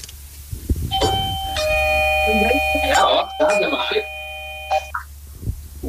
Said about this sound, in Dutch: Ik ga nu op de bel drukken.